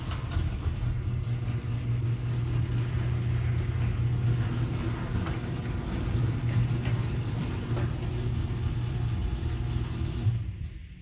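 A garage door runs on new rollers with a steady, smooth motor hum and low mechanical rumble, holding an even level for about ten seconds before cutting off, with no talking.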